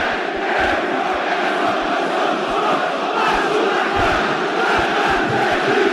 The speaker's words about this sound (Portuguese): Essa torcida maravilhosa explodir de alegria. Simplesmente um 2 a 0 que contagia o estádio de São Januário e bota o Vasco cada vez mais perto da semifinal.